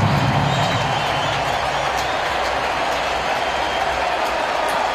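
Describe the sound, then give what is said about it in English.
A sellout stadium crowd on its feet cheers at a Dodgers baseball game with the bases loaded and a full count, in a steady, loud, unbroken roar that holds at the same intensity for the full five seconds, with no distinct voices standing out. “Sellout crowd on their feet.”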